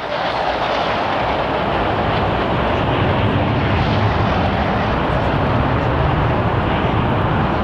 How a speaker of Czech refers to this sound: Další skupina bude vedena podplukovníkem Prelcem a bude to 12 letounů MiG-21. Ano, už jsou tady.